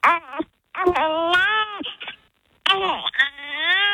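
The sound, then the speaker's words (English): A newborn baby girl crying in three loud, wavering wails separated by short pauses for breath, with no one else speaking. “I love that newborn baby sound.”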